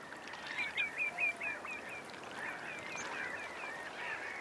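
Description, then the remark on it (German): A dense chorus of harsh calls from a black-headed gull colony, with a run of five or six sharp cries standing out near the start over a constant noisy clamor of many birds calling at once. “Die Schwarzhalstaucher mögen die Nähe der lärmenden Lachmöwenkolonie.”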